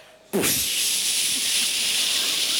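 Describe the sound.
An audience imitates a rocket ship to vote outer space the coolest thing about science, bursting suddenly into a loud, sustained rushing hiss that holds steady and airy for over two seconds without letting up.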